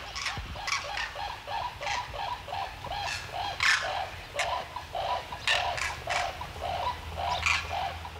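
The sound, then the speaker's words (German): A flock of common cranes calls continuously at a traditional crane resting area, their overlapping bugling and trumpeting notes repeating in a steady chorus, with no voices present. “Die letzten Abende waren regelmäßig Kraniche hier.”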